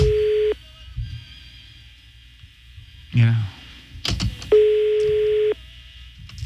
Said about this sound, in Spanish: Está sonando, mira. Está sonando el teléfono. Está sonando el teléfono.